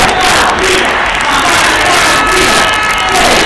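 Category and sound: crowd, street protest crowd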